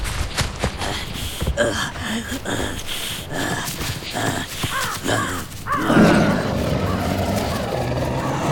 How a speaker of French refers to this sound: Le tigre à dents de sabre vient de se lancer sur la proie qu'il avait repérée. Un macroquenia, une bestiole préhistorique qui ressemble à un mélange de cheval et de chameau. Le tigre fonce à une vitesse impressionnante, malgré la lourdeur de ses pas.